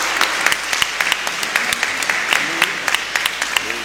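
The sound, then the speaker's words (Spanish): A crowd claps steadily for a few seconds, a dense patter of many hands with sharp individual claps popping out of the wash, fairly loud throughout, applauding everyone named Francisco. “Aquí tenemos a la Panchita, tengo a las dos Franciscas, así que vamos a darle un aplauso a todos los Panchos y los Panchitas.”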